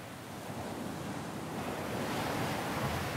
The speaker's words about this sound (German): Der Wind weht an diesem Teil der lettischen Ostsee oft heftig. Und so kann der Frühsommer hier noch ganz schön frisch sein.